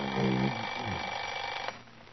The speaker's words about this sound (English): Alarm.